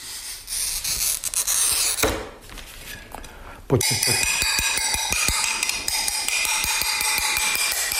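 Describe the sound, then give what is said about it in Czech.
A pen-like glass cutter rasps across a pane in a steady scratching stroke during ordinary glazier's cutting, followed by a sharp crack and a run of quick, rhythmic tapping clicks. “Sklenář, je to běžné sklenářské řezání.”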